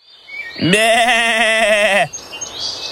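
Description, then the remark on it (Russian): A single loud, wavering goat bleat lasting over a second as the goat runs across a field along a path, its pitch rising at the start and then quivering steadily before it cuts off, with faint background noise around it. “Вот бежит козел по полю, побежал вдоль по дорожке, а ему волк навстречу.”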